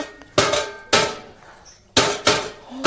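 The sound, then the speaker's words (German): Four loud hammer knocks with a ringing, metallic decay, landing at an uneven pace with a short pause midway, without any voices. “Geben Sie mir mal schnell einen Hammer, ja?”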